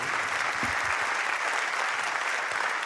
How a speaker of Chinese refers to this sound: 感谢大家的掌声哦！